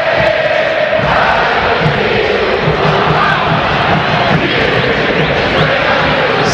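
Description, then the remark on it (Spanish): A huge football crowd at River's Monumental stadium roars and chants together during the pre-match protocol greeting of River against Vélez, a dense, continuous wash of voices, steady and loud throughout, with faint sung tones rising out of the rumble. “En esta atmósfera sonora de la cancha de River.”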